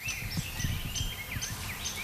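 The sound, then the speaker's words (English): A rose-breasted grosbeak sings a sweet, warbling song of rising and falling phrases over low outdoor rumble with no one talking. “Oh, there's a rose-breasted grosbeak singing.”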